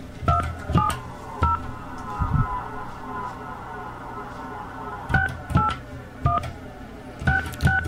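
Telephone keypad tones beep in two quick bursts, a few short electronic dialing beeps, a pause of several seconds, then another run of about six, clear over a low background hum.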